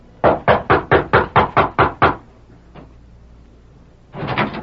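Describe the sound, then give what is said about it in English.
Sharp knocking by the ranch foreman on the wooden back door of the Flying W ranch house at 10 o'clock on a bright summer morning: a quick, even run of about eight raps, a pause with one faint tap, then a rapid flurry of knocks at the end. “It was at 10 o'clock on a bright summer morning that George Casey, foreman of the Flying W, rapped at the back door of the ranch house.”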